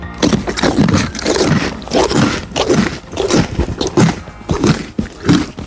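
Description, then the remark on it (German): A pony named Ronny Pony chews food loudly on a horse farm, with steady rhythmic crunching and grinding bites repeating throughout, scraping and noisy. “Da wird aber laut gekaut.”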